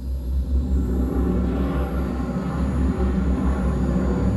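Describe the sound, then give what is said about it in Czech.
A steady, heavy engine rumble drones throughout, deep and loud with a constant low roar and faint hiss above, as a spaceship's braking engines ignite while the ship is guided in to land on the plain in front of a city. “Smysy, zážeh brzdících systémů. Provedu, pane kapitáne. Navádíme loď na přistání.”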